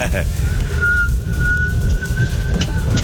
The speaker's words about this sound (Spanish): Madre, pues eso no es tararea. Esa es una silbadita. Intenta silbar, pero... Ay, no, amigo, no le atinamos. Ni idea. Es que está muy lejos. Su silbido casi no se escucha.